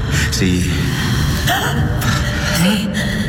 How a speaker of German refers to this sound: Sieh nur. Es ist die Fremde. Sie atmet wieder.